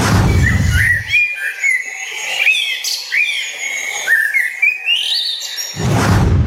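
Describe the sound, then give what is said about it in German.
A common blackbird sings a run of clear, fluty, warbling phrases that rise and fall, with brief low rumbles just before and after the song. “Und auf Platz 1 gelandet ist die Amsel.”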